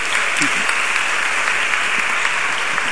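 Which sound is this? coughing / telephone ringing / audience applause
audience applause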